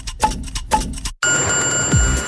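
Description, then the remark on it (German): An ice cream truck's bell rings in quick, bright repeated bursts, then gives way to a steady high tone over a busy, noisy background. No one speaks. “Hörst du das? Das fröhliche Klingeln vom Eiswagen.”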